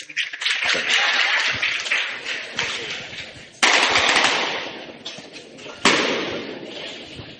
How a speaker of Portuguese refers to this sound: Agora aquela salva de palmas bem bonita, agora em cima!